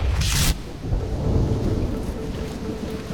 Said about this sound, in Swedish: Regnet öser ner över Paris gator. Det verkligen piskar mot Pierre Curie som tillbaka från landstället skyndar sig fram på de blankkala trottoarerna längs Seine på väg till sitt möte.